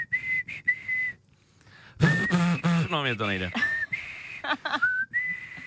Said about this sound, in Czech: Je důležitý se dozvědět, že tady obě kolegyně umí pískat, takže vás určitě využiju.